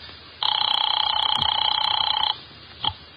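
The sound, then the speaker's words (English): A hotel telephone bell rings once in a single long, rapidly trilling burst lasting about two seconds, loud and metallic, followed shortly by a brief soft click. “You get Mr. Veek on the phone.”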